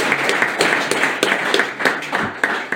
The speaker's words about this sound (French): Vraiment, merci de votre applaudissement. Pour notre super président.